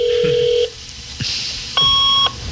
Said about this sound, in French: Ah oui, fax. Ouais. Le modem, ça. Ouais, oui. C'est vrai.